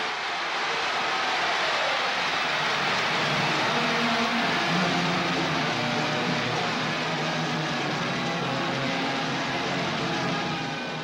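At a concert, a dense, unbroken wall of shrill fan screaming fills the whole recording, loud and steady, with the band's music only faintly audible underneath.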